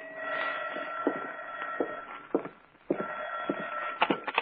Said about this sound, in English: I sat down with a good book, and it was about 11 o'clock when the phone rang.